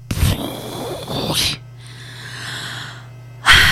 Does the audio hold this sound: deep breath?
yes